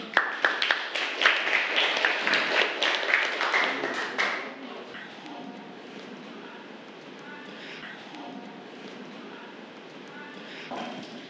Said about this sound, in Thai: ก็คือตัวแทนจากกลุ่มที่5นั่นเองค่ะขอเสียงปรบมือให้กับตัวแทนด้วยค่ะ